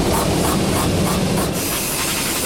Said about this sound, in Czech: Na první poslech by podle zvuku mohla promítací kabina IMAXu připomínat autodílno. Místo motorů a součástek tu ale mezi kovovými válečky visí lehce napnutý 3hodinový film Odyssea Christophera Nolana.